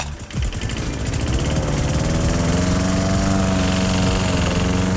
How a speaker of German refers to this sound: diesen Rasenmäher bei uns im Programm gehört